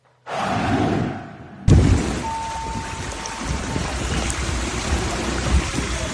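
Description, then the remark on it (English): Heavy rain and rushing floodwater roar steadily and loudly in London, England, as torrential rain turns city streets into rivers; a dense wash of splashing noise that cuts abruptly from one scene to another partway through. No one speaks. “This coming out of London as torrential rain turns streets into rivers across England's largest city.”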